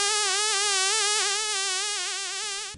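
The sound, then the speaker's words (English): A mosquito whines steadily, its thin high-pitched buzz wavering slightly in pitch for a few seconds with no other sounds. “Experts are warning about disease-carrying mosquitoes.”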